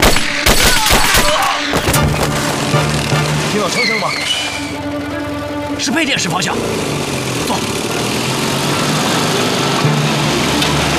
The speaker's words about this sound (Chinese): 听到枪声吗？是配电室方向。